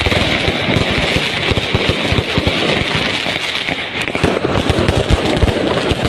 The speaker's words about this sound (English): This is the middle of the night outside their hotel room. This is what they were serving this up for them. Fireworks displays, impromptu fireworks displays, so that the Ecuadorian World Cup team couldn't sleep.